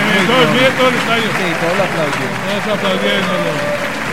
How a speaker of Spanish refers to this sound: Bueno, se va para los aplausos el número 99, Jorge Cabezas Hurtado, y empieza con el 35, Sebastián Mosquera. Silencio, escuchen los aplausos. La gente lo aplaude. Es que la gente es muy noble.